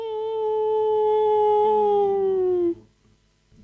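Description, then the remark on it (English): A person imitates a wolf howl, one long loud sustained 'ooo' that slowly sinks in pitch and stops abruptly after nearly three seconds, followed by quiet. “…, how about a howl?”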